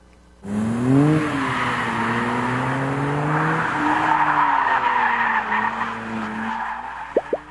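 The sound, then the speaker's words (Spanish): A Dodge Charger's engine revs hard while its tires skid and squeal in long, wavering screeches, loud, with a couple of sharp chirps near the end, during a test drive on the Tale of the Dragon road near Knoxville, Tennessee. “Pues esta fue la prueba de manejo desde Tale of the Dragon con el Dodge Charger, el cual ya se encuentra en nuestro país.”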